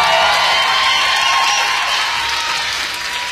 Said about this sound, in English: we owe him a round of applause for making it work.